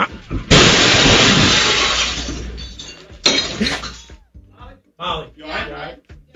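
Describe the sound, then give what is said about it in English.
A car smashes through a drywall wall into a sports radio studio office in a sudden, loud crash. Shattering debris fades over a few seconds before a second impact, then people talk. “She just moves over to like grab a shirt or something, and the car comes crashing through.”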